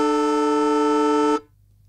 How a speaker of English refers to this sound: The old siren at Traeger Park, eh? Yeah. It's a very unique sound, that.